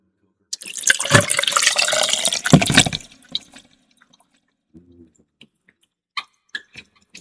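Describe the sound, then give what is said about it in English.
Pusser's rum pours into a glass of ice in a steady splashing stream for a couple of seconds while a fizz drink is being made, followed by a few scattered soft clinks and drips. “So I got my ice in, got Pusser's, which is a mighty good rum and coker.”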